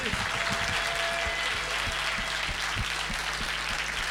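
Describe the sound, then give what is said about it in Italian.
Sustained audience applause in Genoa for the Associazione Nazionale Alpini di Protezione Civile, a dense steady wash of many hands clapping at an even loudness throughout, with no voices standing out above it. “Oh, li abbiamo visti in tanti ultimamente in giro per Genova e quindi facciamo un bel applauso all'Associazione Nazionale Alpini di Protezione Civile.”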